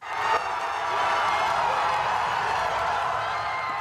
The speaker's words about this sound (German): Die Firma hat es am späten Samstagabend geschafft, eine Trägerrakete in den Orbit zu schießen mit mehreren Satelliten an Bord. Jubel bei den Mitarbeitern.